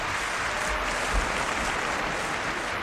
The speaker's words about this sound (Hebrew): כפיים